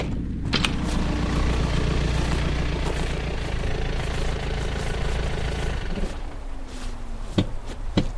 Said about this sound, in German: Da kommt ein Wagen. Das wird die Polizei sein.